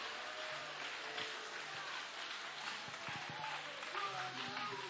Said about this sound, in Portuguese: Levanta a mão, bate as palmas e dá glória. Glorificado é o nome do Senhor.